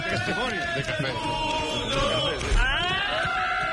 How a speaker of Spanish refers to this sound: Ese grito final no llega a ser un irrinchi, es una cosa rara.